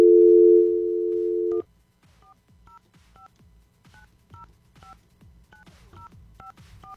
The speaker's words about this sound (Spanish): Ay, creo que marqué mal. ¿Marqué mal yo o...? Vamos a intentarlo nuevamente.